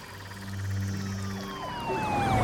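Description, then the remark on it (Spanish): Police car sirens wail and swoop up and down in pitch, swelling louder as they draw near over a low engine rumble, with no voices. “Llegan patrullas de policía.”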